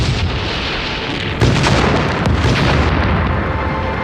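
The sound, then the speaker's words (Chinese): A loud, sustained explosion roars across the whole clip, with a sharper blast hitting around the middle and rumbling debris-like noise continuing afterward, no voices present. “你中了红军的调虎离山计，这爆炸声恐怕几十里外的何建都听见了。”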